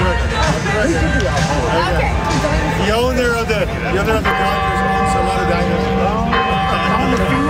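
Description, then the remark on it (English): A loud bell rings out with sustained, shimmering tones over a steady murmur of crowd chatter, the ringing swelling in the second half and nearly drowning the voices. “So the bell kind of drowns it out, but he says, this is off the record.”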